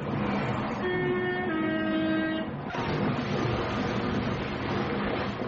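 A train rumbles loudly as its horn blares with sustained tones, then a sudden impact breaks in and a dense, noisy crashing roar continues, like a staged train wreck of a train crashing into a river in 1962. No one speaks.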